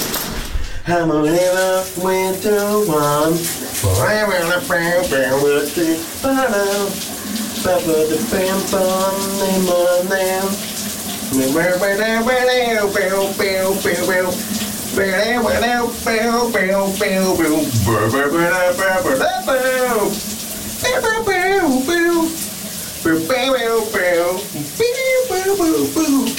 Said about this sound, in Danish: han har taget et koldt brusebad her til morgen og sunget et dejligt, varmt 80'er hit. Kan du høre, hvad det her er for en sang?